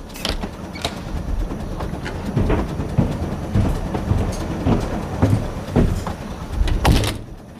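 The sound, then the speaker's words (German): A train rumbles along the rails with a steady low roar, broken by repeated sharp clacks and metallic bangs at irregular intervals, all fairly loud with no talking. “Oh, der Zug stoppt.”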